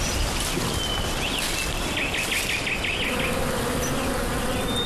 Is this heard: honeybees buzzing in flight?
yes